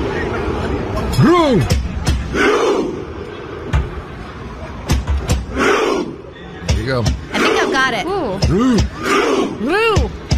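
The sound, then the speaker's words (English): A big stadium crowd of football fans of the Norway national team chants together, loud rising-and-falling shouts repeated again and again over a constant roar of massed voices. “But, you know, in the crowd, you'll be hearing this, the team, the Norway team.”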